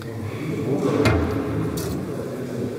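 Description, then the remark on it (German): A key turns in the lock of a small door at the foot of a shrine holding a finger relic in the Konradkirche, giving a sharp click and a brief rattle, then a lighter metallic scrape a moment later, over a low steady background hum. “Zwei Schlüssel für die eine und die andere Seite und eins sollte passen, genau.”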